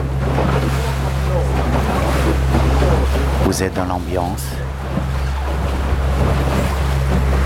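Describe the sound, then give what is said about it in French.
Steady Pacific Ocean wash and wind noise near an island about fifteen kilometres off the Chilean coast roll on beneath a constant low engine drone, with a man speaking briefly midway through the otherwise unbroken sea ambience. “à peu près une quinzaine de kilomètres des côtes chiliennes sur l'océan Pacifique.”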